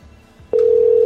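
A phone ringback tone sounds on an outgoing call that keeps ringing unanswered and is not busy: after a brief quiet moment of faint line hiss, a steady, loud electronic hum starts abruptly and holds without a break.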